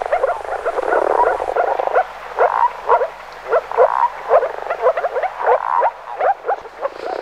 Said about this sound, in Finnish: Kuvaisiko pulputus paremmin tuolta viitasammakon ääntä, entä kurnutus? Viitasammakko siis viikon luontoääni